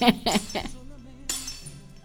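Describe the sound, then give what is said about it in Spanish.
Thrown keys clink and jingle in three quick, bright metallic bursts, followed by a softer rattle a moment later, with a faint voice in the background. “No me tire las llaves así.”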